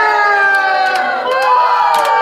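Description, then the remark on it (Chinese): A loud, steady wash of night market crowd noise, with many overlapping voices shouting and calling at once, holding a dense, lively din for the whole stretch. “老表，这是夜市啊。 这个素材就是昨天。”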